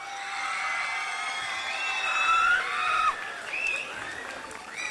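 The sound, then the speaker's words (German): A crowd cheers and claps steadily for the MS Brüsselgasse as it comes onto the stage, with high shouts and whistle-like screams rising above a dense wash of noise that stays loud throughout. “Kann ich euch hören mit einem Applaus für die MS Brüsselgasse?”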